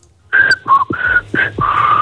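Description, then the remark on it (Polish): A woman whistles a short melody on the Polish radio station Radio Z at 6:18 in the morning, in several clear, sustained notes with brief breaks between them, the pitch shifting slightly from phrase to phrase, fairly loud and with no talking. “Wiesz co za melodię, co pani zagwizdała?”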